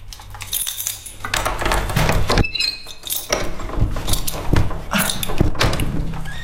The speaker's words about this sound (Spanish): Va fatal la puerta.